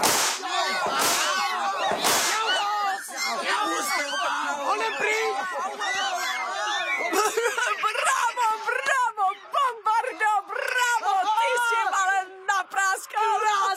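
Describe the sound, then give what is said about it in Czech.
Two sharp, loud whip cracks snap near the start, with more quick cracks later, all amid a noisy scuffle of shouting, wailing voices. “Ty nechte mýmu biči.”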